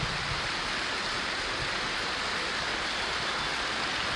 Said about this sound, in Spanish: Dale un aplauso de gratitud a Él. Gracias, Señor.